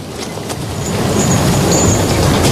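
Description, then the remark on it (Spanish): A loud, continuous rumble of an old train clattering along the rails, with a steady low roar and faint metallic squeals riding above it, no voices present. “Primero, a bordo de un renqueante ferrocarril.”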